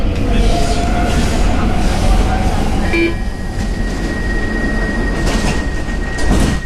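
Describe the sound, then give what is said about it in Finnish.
A Stockholm metro train on the blue line, heading to the Rinkeby suburb, rumbles loudly and steadily, heard as if from inside a car, with a thin high whine setting in partway through and faint voices underneath. “Tukholman metron sininen linja kohti Juustaa vie Rinkkebyhyn lähiöön”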